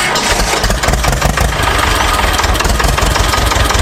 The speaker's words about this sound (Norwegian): Nå har traktoren i mange år vært et viktig redskap for bonden.